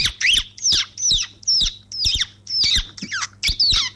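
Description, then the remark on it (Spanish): A person imitates a baby chick with a quick, steady series of about eight high, shrill peeps, each a short rising-then-falling chirp, fairly loud with no talking. “mi talento es, o sea, mi lado oculto de imitar un pollito.”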